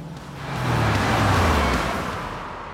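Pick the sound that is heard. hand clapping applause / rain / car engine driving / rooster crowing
car engine driving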